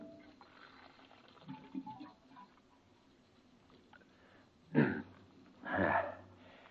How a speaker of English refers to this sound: Hang up your hat and go over to the water cooler for a drink.